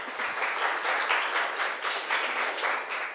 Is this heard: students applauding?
yes